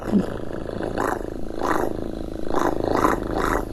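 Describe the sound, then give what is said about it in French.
A sound-effects artist imitates a small cat's purr with their mouth: a continuous, rasping rumble that swells in about five steady pulses, like slow breaths in and out, fairly loud. “Parce que ça nous arrive de faire des imitations, d'utiliser notre corps pour faire des sons. Par exemple, les petits chiens, un petit chat qui ronronne.”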